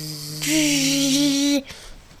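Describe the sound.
A person buzzes like a mosquito: one steady, nasal 'bzzz' held for about a second, loud, then it stops abruptly into quiet.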